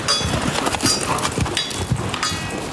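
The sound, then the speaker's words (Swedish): Horse hooves pound in a rapid, uneven galloping rhythm, fairly loud, with dull thuds repeating throughout and no voices; horses galloping in a hippodrama horse-theatre show with armour and lances. “Och bakom rustningar, lansar och galopperande hästar finns en disciplin som ställer andra krav än traditionell ridning.”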